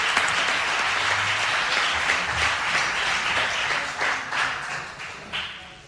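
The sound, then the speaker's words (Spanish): An audience applauds steadily in remembrance of Manolo Ramírez Calero, a dense wash of many hands clapping at an even, fairly loud level that thins a little toward the end, with no one speaking over it. “ese aplauso para recuerdo a Manolo Ramírez Calero.”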